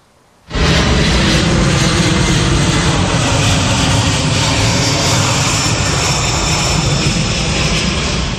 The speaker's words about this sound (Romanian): Un avion de transport C-17 al armatei americane a aterizat în Rusia la începutul după-amiezii.